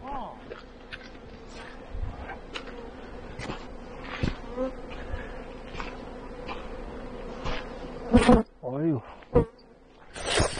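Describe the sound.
Bees buzz in a steady, continuous drone throughout, moderately loud, with a few brief knocks and a short voice-like sound near the end.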